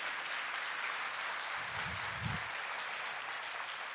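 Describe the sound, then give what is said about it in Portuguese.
Sustained crowd applause fills the space, a dense, steady wash of many hands clapping at an even level, with a couple of low thumps near the middle. “Pode aplaudir, aplauda.”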